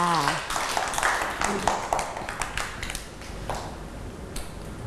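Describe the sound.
A group of children clap together in a quick, uneven patter of sharp claps lasting several seconds, fairly close and moderately loud, with some voices mixed in.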